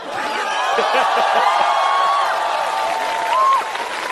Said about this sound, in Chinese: 听听观众反馈。 你听听开场以来最爆发的掌声。